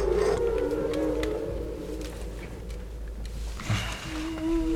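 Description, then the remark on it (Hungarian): Underwater whale song: long, sustained tonal moans and slowly gliding cries over a deep constant rumble of ocean noise, with no voices present. “És a Bálnát az benn hagyjuk.”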